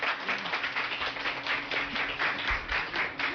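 A crowd applauds steadily, many hands clapping in a dense, crackling wash that holds an even loudness throughout, with no voices on top.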